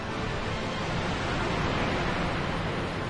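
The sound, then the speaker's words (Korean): A steady, dense roar of rushing water from a waterfall pours on without a break, loud, heard from a viewing platform overlooking the waterfall, with no voices over it. “여기가 폭포를 볼 수 있는 최고의 전망대입니다.”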